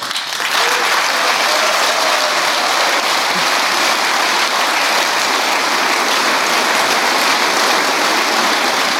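Sustained applause from the SPD party leadership for a speech by Fahimi, a dense steady wash of clapping that starts abruptly and stays loud and even throughout, with no voices standing out.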